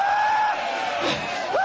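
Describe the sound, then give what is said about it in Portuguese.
A person screams loudly in a sustained, strained voice that breaks and rises sharply at the end, screaming for Jesus to burn the devil, with a noisy crowd-like background filling the space. “Grita para Jesus queimar ele.”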